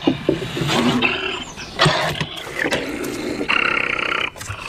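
A wild wolverine caught in a live-capture trap growls and snarls in harsh, raspy bursts that run almost continuously, loud and gritty with a few sharper peaks. No one speaks.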